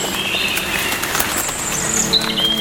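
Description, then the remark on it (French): Steady rain patters in woodland under dense tree cover while several unseen birds call through it, thin high chirps and whistles rising over the downpour, a couple of them sharper near the end. “et les oiseaux se moquent de la pluie.”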